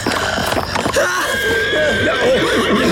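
A startled horse gives a sharp, agitated whinny, its wavering cry rising and falling over a busy background of rustling and movement, with a faint voice mixed in.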